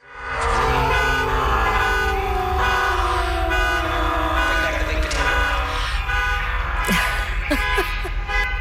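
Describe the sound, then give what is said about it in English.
Several car alarms and horns blare at once on a BC Ferries ferry in a loud, dense, overlapping chorus, steady tones layered with wailing and chirping patterns, echoing. “I understand this is something of a ferry car alarm symphony.”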